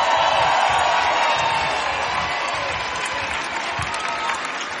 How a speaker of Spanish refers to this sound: Quiero que deis un fuertísimo aplauso aquí a la derecha de las guitarras.